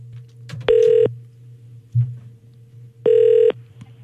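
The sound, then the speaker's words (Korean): Two electronic ringback tones from a phone line as a radio programme places a call, each lasting about a third of a second and spaced a few seconds apart, sound clearly over a low steady hum with no talking. “자, 그 직원을 한번 제가 지난번에 전화 연결했었는데 교회를 가셨다라는 이 사장님의 문자가 도착해서 제가 전화 한번 연결해 보겠습니다.”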